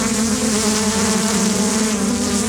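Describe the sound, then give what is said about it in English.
A dense, steady drone of many bees swarming around a hive box on a farm near Cherryville, loud, a continuous swarm hum with no talking over it. “So you're taking us toward a box where it looks like they're swarming.”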